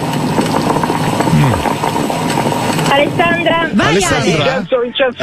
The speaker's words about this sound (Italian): la macchinetta del caffè.